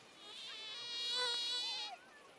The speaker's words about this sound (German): Das für unser Ohr so lästige Surren ist für Mückenmännchen der reinste Wohlklang. Mücken sind äußerst vermehrungsfreudig. Für die Partnerfindung am Seeufer bedienen sie sich eines akustischen Tricks.